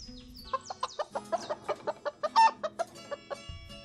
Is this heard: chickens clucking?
yes